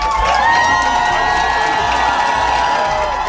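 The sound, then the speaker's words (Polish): A large crowd of fans cheers loudly and continuously at Chopin Airport in Warsaw, welcoming the Polish volleyball players, European Championship gold medalists returning from Milan; a dense roar of many voices with shouts and whoops rising above it, sustained throughout without a break. “Tłumy kibiców przywitały naszych siatkarzy na lotnisku Chopina w Warszawie.”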